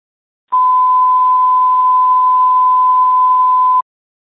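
A fire dispatch alert tone for Hardin Fire and Medic 43, sent to a motor vehicle accident, sounds as one loud, steady, unwavering mid-pitched beep lasting about three seconds, with no voices, then cuts off abruptly.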